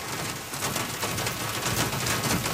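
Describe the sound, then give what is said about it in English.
Steady heavy rain pours down continuously outside in the early morning, a dense hissing wash with faint patters throughout and no voices present. “It's early morning and the rain is pouring down outside”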